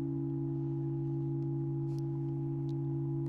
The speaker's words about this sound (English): This bell has some significance, which I'll mention in a little bit